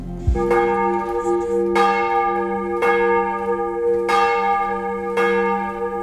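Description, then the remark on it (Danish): Large church bells of Vor Frue Kirke in Copenhagen, Denmark, ring for morning service in a slow, steady peal, each deep, resonant strike blooming with rich overtones that linger and overlap the next. About five strikes, loud and reverberant, with no voices. “Klokkerne ringer til morgenandragt fra Vor Frue Kirke i København.”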